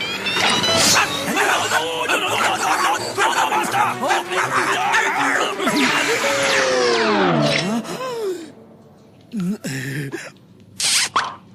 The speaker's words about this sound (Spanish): ¡Eres un perro malo!